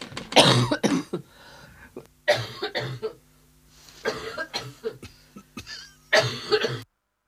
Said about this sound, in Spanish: Bueno, menos mal que me cogió la tos cuando ya había dicho todo.